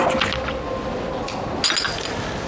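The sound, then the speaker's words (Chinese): Liquid is poured into a glass, a continuous bright splashing trickle with a few light clinks of glass, steady and moderately loud with no talking. “我给你再倒一杯。”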